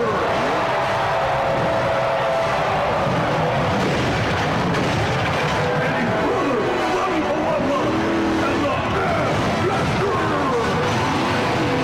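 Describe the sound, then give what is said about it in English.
A loud truck engine revs hard, its pitch rising and falling repeatedly, with tires skidding amid a dense, noisy commotion that continues throughout. “Truck too, right? Yeah. Here it comes.”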